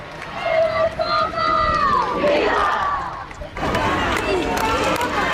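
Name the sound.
crowd shouting and singing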